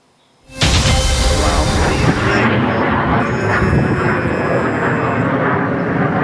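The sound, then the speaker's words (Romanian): A loud, sustained jet roar bursts in suddenly after a brief silence and stays heavy throughout, like fighter jets thundering low overhead; fighter jets intervening to destroy a drone, filmed by local residents. “Și o să vă rog să rămâneți alături de noi, pentru că avem și imagini cu avioanele de luptă care au intervenit pentru a distruge drona.”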